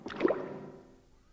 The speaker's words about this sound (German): Es klingt, als ob sich ein Tor öffnet. Das Boot wird langsamer. Jetzt steht es. Was meinst du, wo wir sind? Vielleicht im Palazzo. Das könnte eben das Wassertor gewesen sein.